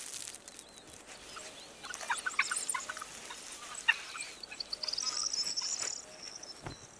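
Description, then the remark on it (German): A hoopoe on Mallorca, foraging on the ground for beetles, crickets and other insects, gives repeated high, thin chirping calls against a steady outdoor background, with a few sharper notes scattered irregularly through the stretch and no one speaking. “Der Vogel sucht nach Käfern, Grillen und anderen Insekten.”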